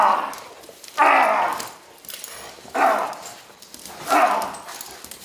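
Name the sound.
dog barking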